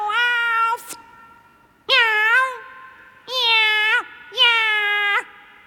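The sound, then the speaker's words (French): Four loud, drawn-out angry meows, each about a second long with short pauses between, clear with no other sounds. The meows may be a person's voice imitating a cat. “Bon, je recommence. Miaou.”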